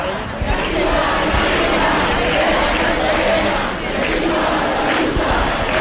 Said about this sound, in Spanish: Bueno, esos mismos insultos, esos mismos pitidos del público de los que nos hablaba nuestra compañera, que están ustedes mismos escuchando en directo